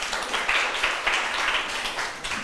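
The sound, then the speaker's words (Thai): A group of students in a class claps for themselves after finishing a timed two-minute group task, a dense, steady patter of many hands that stays fairly even and moderately loud for a couple of seconds, with no voices over it. “นักเรียนปรบมือให้ตัวเองหน่อย”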